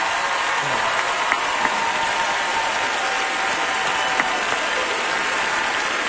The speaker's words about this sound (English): If we have any active or veteran military members with us tonight, if y'all are able to stand, we'd love to give you a round of applause. And a big thank you for everything you've done for our country.